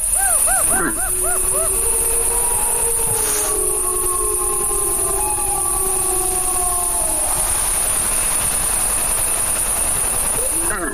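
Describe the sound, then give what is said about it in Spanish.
A wolf pack howls, several long overlapping wavering tones rising and falling together, while a deer gives a short, harsh cough-like alarm call early on over steady background hiss. “Ahí se queja un ciervo, esa tos así como de alarma, y al fondo, pues es una manada.”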